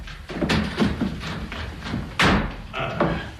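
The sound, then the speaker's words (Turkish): A door is opened, with a series of dull knocks and thuds followed by one louder clunk partway through and some rattling afterward. “Murat, öldürür mü yahu, açın kapıyı”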